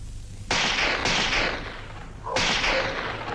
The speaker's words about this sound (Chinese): 这时枪声大作，其实这是韩老六的心腹李青山为了制造混乱特意打的，老百姓都跑了